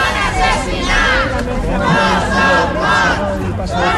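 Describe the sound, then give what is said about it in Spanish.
Relatives of the DANA victims chant in unison at the doors of the Parliament as former president Carlos Mazón appears, many voices rising and falling in a repeated rhythmic slogan, "no son muertos, son asesinados", with dense overlapping shouting filling the whole stretch. “Al grito de no son more, son asesinats, no son muertos, son asesinados, familiares de las víctimas se han concentrado a las puertas del Parlamento justo cuando comparecía el expresidente”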